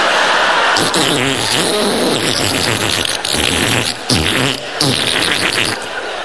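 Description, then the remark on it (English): A voice imitates the farting noise of a dentist's suction pump stuck to the inside of a cheek, a wet, buzzing, flatulent sputter, loud for several seconds with brief breaks and wavering pitch. “He puts 400 weight of ironmongery in your mouth, including a suction pump that does nothing apart from attach itself to the inside of your cheek, making farting noises.”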